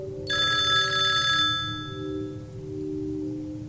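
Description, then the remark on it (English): A telephone bell rings with a rapid metallic trill for about a second, then its tone lingers and fades over a steady low background hum. “Oh, the phone is ringing again.”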